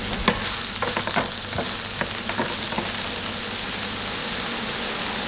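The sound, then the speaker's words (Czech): Beef, lightly pounded, salted and seasoned with grill or steak seasoning, sizzles steadily in hot oil in a pan, a continuous crackling hiss with a few sharper pops and clinks from stirring early on, no voices. “A můžeme dávat na pánvičku na rozpálený olej teda samozřejmě.”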